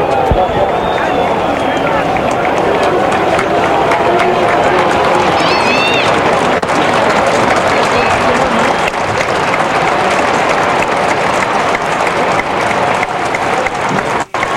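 Sustained applause from the Boca supporters at Huracán's stadium, after a minute of silence, for the father of Lionel Messi, a dense, steady roar of clapping lasting throughout, with a few scattered whistles and shouts rising above it.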